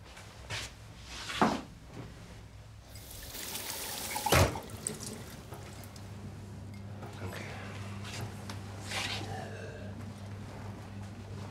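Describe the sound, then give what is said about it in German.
A cupboard door clunks open with a couple of sharp knocks, then water trickles steadily into a glass, over a low background hum and faint murmuring voices. “Hast du vielleicht ein Glas Wasser für mich?”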